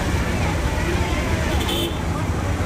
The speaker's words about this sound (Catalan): De tota manera, tot i ser petita, Karnal és una ciutat força caòtica, amb cables d'electricitat per tot arreu, brutícia, trànsit...